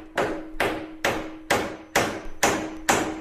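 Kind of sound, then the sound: tool, hammer striking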